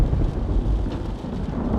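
thunderstorm with thunder

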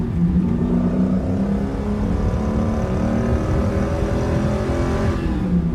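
car engine revving

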